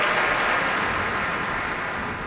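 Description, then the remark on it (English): A large audience applauds steadily after an orchestral performance by the Boston Pops, as Keith Lockhart has the orchestra members stand, at the Kuzovitsky Music Shed: a dense, continuous roar of clapping that holds loud throughout and tapers only slightly at the end, with no voices standing out. “Also a violin solo by concertmaster Alexander Velenzone, as Keith Lockhart asks all the members of the Boston Pops to stand and receive the applause here at the Kuzovitsky Music Shed.”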